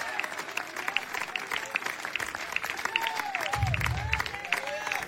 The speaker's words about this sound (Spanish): Dele un fuerte aplauso al Cristo de la Gloria en esta hora. A su nombre.